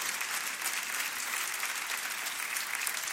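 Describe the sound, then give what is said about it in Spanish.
An audience applauds the Lord for his word, a dense, steady wash of many hands clapping at once with no pauses, holding an even loudness throughout and no voices standing out. “Aplauda si le va a aplaudir al Señor por su palabra.”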